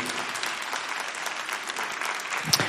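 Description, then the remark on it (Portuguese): A round of applause from a crowd at a Thursday adoration gathering, given for the spiritual children of Padre Pio: many hands clapping in a dense, steady wash of crisp claps that holds at an even level for a few seconds. “Uma salva de palmas para os filhos espirituais de Padre Pio.”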